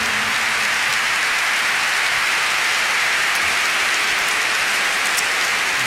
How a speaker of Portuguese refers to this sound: eu gostava de vos apresentar aqui um senhor que me acompanhou neste disco …, nos únicos dois fados tradicionais que eu tenho, e que é o professor Joel Pina, para quem eu peço uma grande salva de palmas, que é o meu convidado desta noite.